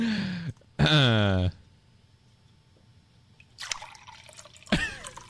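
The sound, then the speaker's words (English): Liquid pours and drips into glasses in a few short bursts, with some ringing tonal sounds and a brief noisy splash separated by quiet pauses. “How many glasses are you pouring?”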